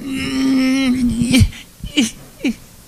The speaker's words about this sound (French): Je ne suis pas capable d'arrêter. Je pleure de jouissance, de joie, je comprends pas. Je ne sais pas s'il y en a de vous qui ont déjà connu ça. Pleurer, mais être heureux de pleurer.